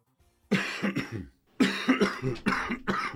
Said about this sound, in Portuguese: Quando uma tosse não passa, ela merece atenção.